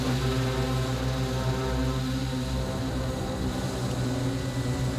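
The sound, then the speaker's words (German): A helicopter's engine whines steadily while the rotor drones with a strong low hum, loud, running continuously with no voices; the helicopter is setting out on an operation, heading toward the Elbspitz. “Also in dem Moment, wo ich mit einsteige in den Hubschrauber und halt spontan doch noch mit rausgehe, kann ich die Einsatzleitung mit weitermachen, gebe die dann ab und gehe dann mit raus in den Einsatz.”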